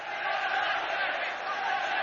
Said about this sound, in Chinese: 是啊，球场上好多球迷的欢呼声，应该不是嘘声吧。